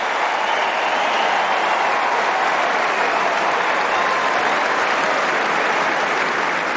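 Dense, steady applause from a tennis crowd after a good shot fills the whole stretch at an even, fairly loud level, a continuous wash of many hands clapping with no voices standing out; a player also applauds his opponent.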